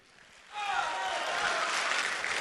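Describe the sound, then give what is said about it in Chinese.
After a quiet half second, an audience bursts into steady, loud applause welcoming a crosstalk (xiangsheng) performer onto the stage, holding to the end, with a few voices calling out over the clapping. “哎呀，我怎么觉得今儿这掌声不太对劲儿啊？”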